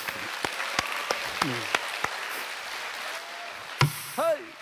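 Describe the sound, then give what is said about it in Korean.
An audience applauds with a steady wash of clapping, punctuated by a few sharper individual claps, and short bursts of voices rise briefly toward the end. “이럴 때 박수 한번 쳐 주십시오.”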